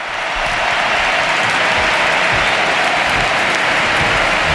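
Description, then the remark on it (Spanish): A huge crowd at the Camp Nou stadium applauds and cheers in a sustained, roaring ovation for the Barcelona captain as she is substituted after scoring twice, a dense wash of clapping and voices that stays loud and steady throughout. “escuchad el Camp Nou, Dani, la ovación a Alexia Putellas”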